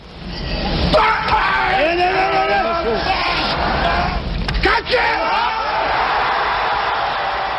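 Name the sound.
weightlifter's effort grunt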